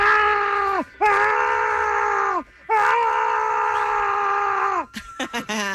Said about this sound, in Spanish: A ver, este es el primero, grábense bien, ¿eh? Este es el primer grito.